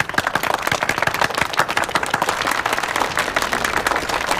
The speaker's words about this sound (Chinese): 鼓掌。